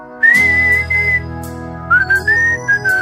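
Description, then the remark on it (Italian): Someone whistles live a bright melody in two phrases with gliding notes, imitating a fife intro, over a steady low sustained drone that fades out partway through. “Bravo a suonarlo, eh. Fischio live. Non è il piffero questo?”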